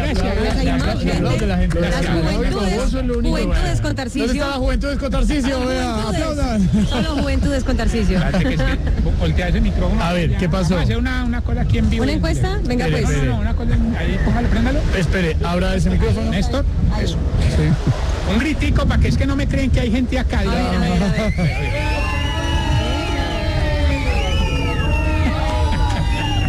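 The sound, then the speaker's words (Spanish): A steady, loud hubbub of many adult voices talking over one another, with much walking and throat-clearing heard. The dense crowd murmur never lets up, and a few higher, sharper calls rise out of it near the end. “Esa es una bulla de gente adulta. Sí, cierto, Pani, se nota, ¿no? Se nota gente adulta, oigo mucho caminador, sí.”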